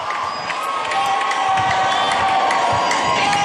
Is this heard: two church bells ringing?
no